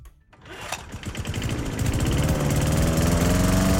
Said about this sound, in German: Bei uns müssen Sie den Rasenmäher heute nur hören. Genau das ist nämlich heute unser SWR 4 Sommergeräusch.